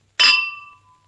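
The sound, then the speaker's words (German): A single bright clink of glasses touching in a toast, ringing on with clear high tones that fade over about a second, fairly loud with no talking. “Prost, Katinkerchen. Auf Ihr Wohl.”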